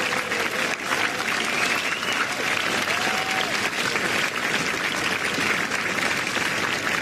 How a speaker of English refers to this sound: Encore une fois d'applaudir les joueurs, les trois derniers joueurs de cette dernière partie.